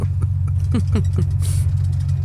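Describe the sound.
Steady low rumble of a bus engine running, heard from inside the vehicle as a constant droning hum, with faint voices briefly audible over it.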